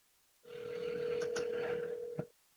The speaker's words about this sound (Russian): Показываю свой телефон. Я набрал номер телефона студии. И никакой реакции на нашем устройстве связи с общественностью.